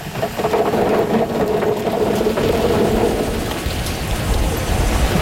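A tractor and potato harvester run close by, a loud, steady engine drone with constant rattling and rumbling machinery noise throughout, no voices.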